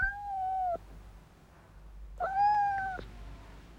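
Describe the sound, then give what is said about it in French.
Two drawn-out, high-pitched cat meows, each lasting under a second and separated by a short pause. They sound clear, with no talking. “Miaou, mon petit chat. Pourquoi es-tu si triste?”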